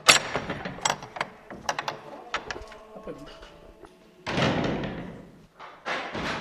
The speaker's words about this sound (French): Et pour découvrir ce marbre, nous poussons la porte de l'église abbatiale.